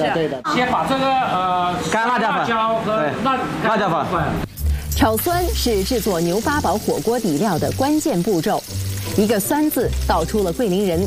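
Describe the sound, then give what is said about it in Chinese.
Food sizzles and scrapes in a hot wok as a chef stir-fries the sour base for a Guilin beef hot pot, adding chili powder and sour bamboo shoots, a steady background hiss running beneath continuous conversation between people. “这边是我们师傅，他要炒这个酸。”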